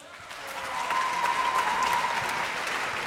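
Steady audience applause, a dense wash of many hands clapping that swells in within the first half second and holds at an even, fairly loud level to the end.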